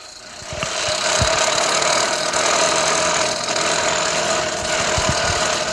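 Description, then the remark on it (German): Irregular metal-on-metal hammer blows strike a piece of metal to bend it down, over a steady, loud mechanical rumble, the knocking beats coming in uneven bursts like a sputtering engine, with no voices. “schlägt es jetzt weiter runter, damit es wirklich ja so verbogen wird halt.”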